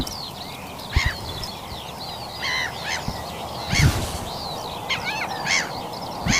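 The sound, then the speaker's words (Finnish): Many birds call at once at dawn on the lakeshore of Vaanilanlahti bay in Lohja, with harsh caws and chattering notes rising over a steady wash of background song and a low rumble. “Sinne häipyvät äänet Lohjan Vaanilanlahden rannalta.”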